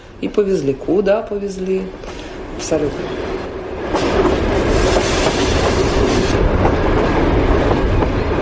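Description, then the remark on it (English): A train carrying a prisoner to a penal colony rolls along the rails with a steady, loud rumbling roar that swells after a few seconds, preceded by brief wavering tonal squeals near the start. “In my case, I was taken by car to the station where I boarded a train, but it was completely unclear where I was going.”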